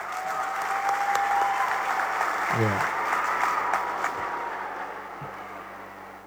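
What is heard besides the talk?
audience applause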